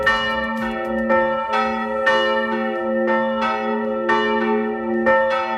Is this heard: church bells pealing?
yes